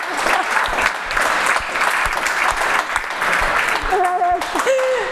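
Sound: audience applause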